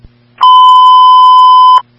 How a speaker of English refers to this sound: Fire dispatch. 2112, standby for tones.